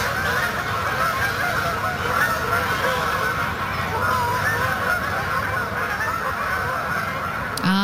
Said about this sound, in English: Well, cobra chickens, jerks, sky demons, no matter what you call them or how you feel about them, geese are everywhere.